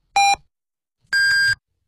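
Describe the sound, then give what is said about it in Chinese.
Radio hourly time signal beeps marking 15:00 Beijing time on FM 93, Xuzhou Radio and Television news station, China: a short, lower electronic pip followed after a pause by a longer, higher-pitched tone, both loud and clean with no talking. “现在是北京时间15点整。”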